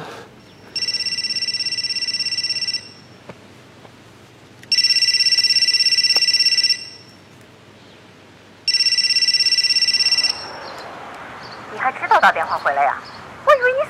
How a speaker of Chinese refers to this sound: 你怎么不接电话呢？